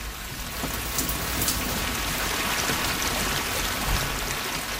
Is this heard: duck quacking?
no